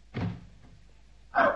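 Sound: door being opened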